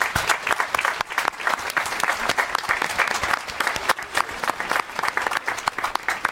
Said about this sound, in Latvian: Pirmkārt, gribēs uzgavilēt Aglonas skolas korim, ērģelniecei, diriģentei, visiem, kas mūziķi kuplinā šo mūsu dievkalpojumu. Aplausi viņiem.